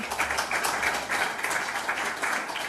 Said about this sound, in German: Genau, einmal auch ein Applaus für Sie.